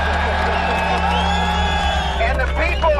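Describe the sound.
A large crowd at the September 11 rubble site in New York shouts and cheers loudly and continuously during a speech by President George W. Bush, many voices overlapping into a dense roar with a few higher cries rising out near the end.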